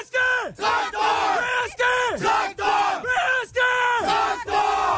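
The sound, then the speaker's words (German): The players of the SV Protzel team bellow a rhythmic battle cry in unison before the start of a game: loud repeated shouted phrases with falling pitch at each end, sustained for several beats. “Und die Spieler rufen wir als Schlachtruf vor Beginn des Spiels.”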